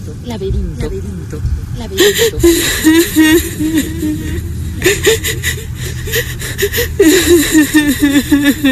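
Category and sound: human body sound, woman sobbing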